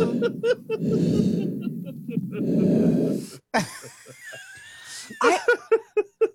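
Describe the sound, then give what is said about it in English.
Two long, heavy, rasping breaths through a CPAP machine, steady, followed by a sharp click and a run of squeaky, wheezy snorts and short pulsing sounds. “Somebody recorded me with a CPAP machine.”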